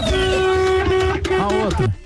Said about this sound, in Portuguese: Olha o buzinar, só.